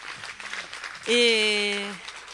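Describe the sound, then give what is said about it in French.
A crowd claps steadily throughout, a dense patter of applause, while a loud sustained vocal cheer rings out over it for about a second in the middle. “Un applaudissement, s'il vous plaît.”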